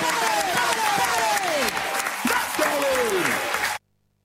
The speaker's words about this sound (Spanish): Y gracias, …, por los aplausos de La Bandurria.